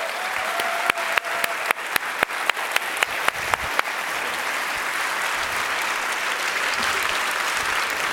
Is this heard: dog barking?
no